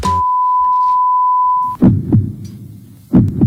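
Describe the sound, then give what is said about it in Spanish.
A steady, clear electronic beep holds for nearly two seconds, then gives way to deep, thumping heartbeat pulses, paired double thuds with a low rumbling background, loud. “Pitido, corazón.”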